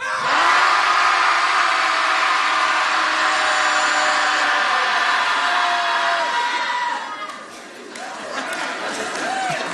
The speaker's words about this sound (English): So when I'll say 1, 2, 3, and then we'll all just let it out. Sound good? Yeah? All right. Everybody at home listening, hopefully you're shouting too. Here we go. Shouting Society commences. 1, 2, 3.